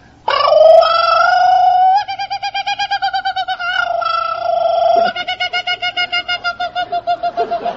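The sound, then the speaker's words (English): A man's voice imitates a kookaburra call, loud, with long wavering hoots that break into rapid, rhythmic cackling bursts, repeated twice with no other talk. “He sings out like a kookaburra.”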